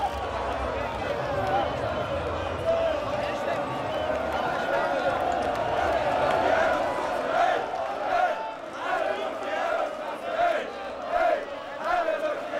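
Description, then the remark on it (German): A dense, loud street crowd on the Reeperbahn in St. Pauli cheers and chants together, voices merging into a continuous roar with rising shouts and sung phrases throughout, energetic, while riot police try to steer out cars caught up in the jubilant crowd. “Die Bereitschaftspolizei versucht, die Autos rauszulotsen, die von den jubelnden Massen eingeholt worden sind.”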